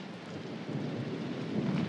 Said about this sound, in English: Do sudden sounds scare you? Did you ever watch the coming of a storm?